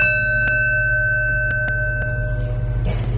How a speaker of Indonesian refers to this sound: Bel masuk, Pak. Mari kita mulai pelajaran.